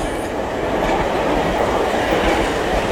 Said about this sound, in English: The train is pulling into the station.